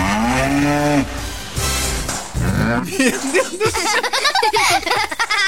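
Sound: cattle mooing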